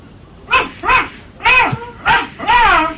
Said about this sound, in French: Et il y a les deux chiens avec moi, là, qui sont dehors. Tu les fais aboyer un peu pour que j'entende comme ils font?